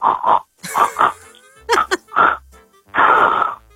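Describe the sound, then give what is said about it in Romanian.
A person mimics a pig with a series of squealing, grunting bursts: two short squeals, a pair of snorty ones, two quick yelps, then a long, loud, strained squeal at the end. “Fă ca un porc acum. Ca un porc? Un porc de la care e guițe.”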